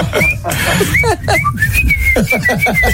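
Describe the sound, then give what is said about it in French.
A person whistles a familiar melody, a bright wavering tune of short and sustained notes, fairly loud, with some faint background noise underneath. “Mon père, il siffle devant notre chambre le matin. Oh. Mais des airs connus.”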